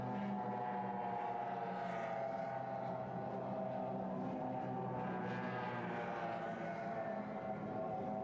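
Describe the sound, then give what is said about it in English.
Offshore racing powerboats Team Florida, Chiller, Mobile One, Cutting Edge and Taz roar across the water in the first of two six-lap, almost 30-mile heats of the 1994 National Offshore Championship in Galveston, Texas. Their engines are a steady, layered drone with a high whine, strong and unbroken throughout, with no voices. “Six laps, almost 30 miles in this first of two heats. Once again, there they go.”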